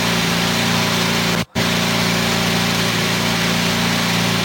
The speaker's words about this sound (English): giving an engine warm-up. It's one of the few engines we've heard back here in the garage area this morning.